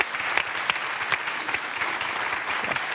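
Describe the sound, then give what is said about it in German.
An audience claps steadily to welcome a comedian guest, a dense, continuous patter of many hands with no voices standing out. “Klatschen hält ja auch warm, jetzt wo das so kalt geworden ist.”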